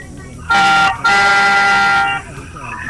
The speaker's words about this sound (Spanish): El Coco te va a pedir que toques el claxon de tu automóvil. Estupendo. Hermano, dos bocinazos largos ahora mismo.